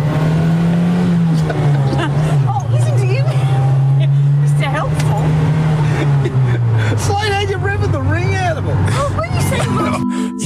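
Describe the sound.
A car engine hums loudly, its low drone holding steady then dropping in pitch as it eases off, with people talking excitedly over it throughout, as the driver works the clutch and shifts gears.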